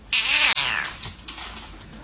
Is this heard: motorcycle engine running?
no